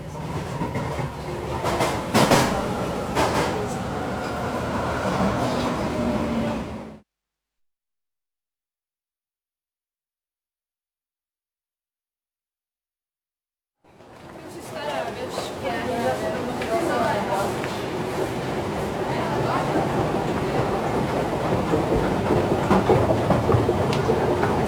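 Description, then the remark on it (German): Busy underground station ambience at Hietzing station on the U4 line, with a rumbling, clattering train and murmuring voices, cut by several seconds of silence before the steady roar of rail traffic resumes and builds. “Eine Rolltreppe in Station Hietzing, U-Bahn 4, zur Brücke, früher Hietzinger Brücke, seit Jahren aber Kennedy-Brücke.”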